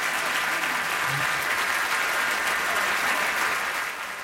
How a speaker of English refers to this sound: And the applause goes on and on and on in Paris in 1990 for that performance